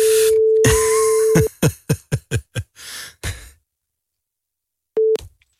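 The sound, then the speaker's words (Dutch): A steady telephone tone hums for a moment, then a quick run of harsh, crackly bursts like dialing clicks as a phone number is keyed in on a broken phone, a pause, and a short burst of the busy tone returns. No one speaks. “Even kijken of ik Michiel kan bellen dan.”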